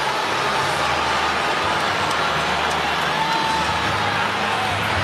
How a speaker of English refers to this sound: We haven't heard this much booing on the south side